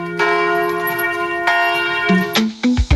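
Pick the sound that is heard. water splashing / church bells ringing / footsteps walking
church bells ringing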